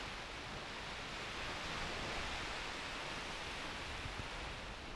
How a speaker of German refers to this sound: Naja, hier am Kap Arkona, am Gellort, am nördlichsten Punkt, da weht der Wind noch. Aber auch dem geht es hier so langsam an den Kragen, so wie den Wellen auch.